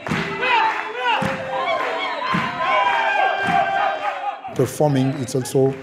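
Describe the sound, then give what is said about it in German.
A group of 13 Mozambican dancers shout and chant together in loud, overlapping voices as they move into the audience area, while heavy stomps thud at irregular intervals, ending in sharp, rhythmic group calls. “13 mosambikanische Tänzer dringen mit enormer körperlicher Präsenz und Stimmvolumen in den Zuschauerraum, tragen Energie über den Bühnengraben.”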